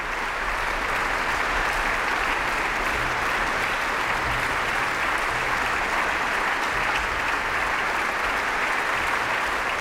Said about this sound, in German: Am Schluss gab es dann langen Applaus für alle Beteiligten dieses Konzerts der Ouvertüre Spirituelle der Salzburger Festspiele.